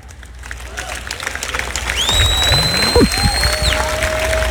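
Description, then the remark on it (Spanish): Scattered audience clapping begins faintly and weakly after a Bible passage is read, then builds into steady applause, mixed with crowd murmur and a few voices. “Ese aplauso comenzó medio débil.”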